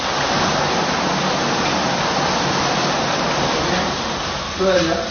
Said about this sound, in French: Rien que cette douche pénétrante avec cette petite dizaine de jets là qui vous masse le dos pendant 5-10 minutes, je peux vous dire franchement, mais quelle détente!